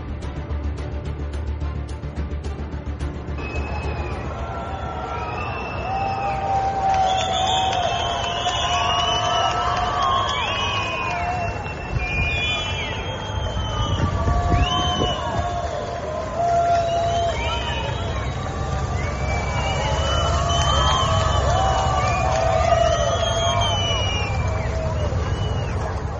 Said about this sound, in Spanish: A mí sí que me parece llamativo que se le dé esa pitada al autobús.